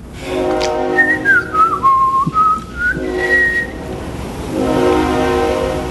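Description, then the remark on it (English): A freight train's whistle, drifting up from railroad tracks behind a house, sounds a long, sustained diminished, half-diminished chord, steady throughout, while a thin whistled tone glides down and back up above it partway through. “And then Robbie Coltrane interrupted to point out the whistle of a freight train drifting up from the railroad tracks that run behind the house.”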